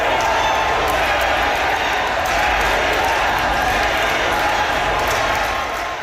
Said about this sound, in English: Kerry Lynn Finlay was elected on the fourth ballot with 51% of the vote. A crowd of supporters cheered and chanted Kerry Lynn's name once she was announced as the winner.